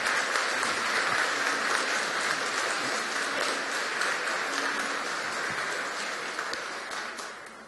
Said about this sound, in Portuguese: Nós queremos acolher com uma calorosa salva de palmas. Sejam bem-vindos.